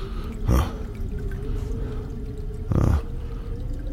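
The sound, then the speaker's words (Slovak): Water runs steadily with a low hum as a toilet cistern refills after a flush. Two brief louder gushes break through, one early and one near the end, with no voices. “Asi by bolo lepšie ten otravný splachovač.”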